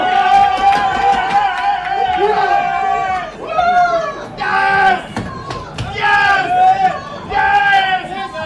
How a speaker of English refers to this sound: took the following video of Moroccan reporters cheering in Gillette Stadium's enclosed press box after yesterday's 1-0 win over Morocco.